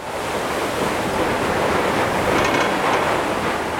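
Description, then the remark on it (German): A ferry pushes through frozen sea ice on a February day on its way to the island of Suomenlinna off Helsinki, Finland, making a steady, loud rushing wash of churning water and slush that continues without pause; no voices. “An diesem Februartag bricht sich die Fähre den Weg durch das vereiste Meer zur Insel Suomenlinna.”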